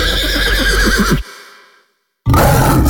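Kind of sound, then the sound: animal, horse neighing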